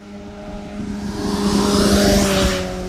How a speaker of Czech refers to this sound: Stojím v Nové Rabině přímo u radaru, okolo mě právě teď prosvištěl motorkář, který podle mě 100% může očekávat pokutu, protože rozhodně jeho rychlost nebyla 50 ani 60 km v hodině.